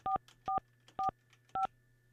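A phone number being keyed in to call a regular landline phone: four short, evenly spaced dual-tone beeps, each a clear mid-pitched electronic chirp, over a faint steady hum with no voices.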